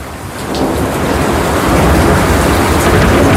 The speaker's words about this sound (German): Und den Vibe hatten wir am Wochenende gut in NRW. Da war nämlich eigentlich einiges an Gewittern unterwegs.